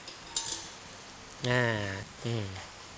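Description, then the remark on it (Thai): A steady low sizzle of curry paste being stir-fried in a pan as boiled and blanched cassia (khi lek) leaves are added, with a quick clink and scrape of a utensil early on, then a man's voice speaks briefly twice over the frying hiss. “เครื่องแกงของเราก็เป็นไงครับค่อยๆสุกหอมแล้วนะครับเห็นไหมครับมีลักษณะของมันขึ้นเงาเล็กน้อยนะครับจากนั้นนะครับเราจะใส่ขี้เหล็กที่เราต้มแล้วลวกไปเรียบร้อยแล้วผัดลงไปนะครับ”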